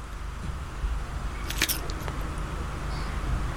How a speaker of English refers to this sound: I'm going to go for another initial crunch. Here we go. This is a key part. Okay. You ready? Here we go.